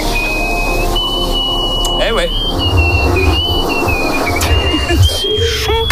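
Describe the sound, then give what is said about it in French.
A loud, high-pitched whistle through the nose by the woman holding the world record for nasal whistling, held almost unbroken for several seconds with small wavers in pitch, while a voice briefly speaks underneath and low rumbling noise fills the background. “Elle détient le record du monde du sifflement nasal.”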